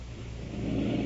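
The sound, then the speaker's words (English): A breathing machine drones with a steady, low mechanical hum, continuous and swelling slightly louder toward the end with no voices present; it is not forcing air in but making it easier for a woman to breathe. “this is just making it easier for her to breathe”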